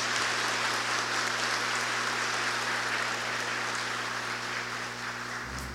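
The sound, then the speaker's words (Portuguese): Steady audience applause fills the whole stretch, a dense wash of many hands clapping at an even level, tapering slightly toward the end beneath a low constant hum. “Então, palmas para eles.”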